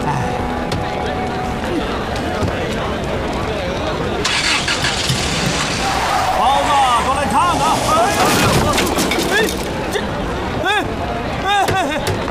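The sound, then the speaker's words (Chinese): A car engine runs steadily, then surges louder and rougher partway through, staying prominent, with indistinct voices murmuring underneath; the car's tire has burst. “你怎么开的车啊，老总？”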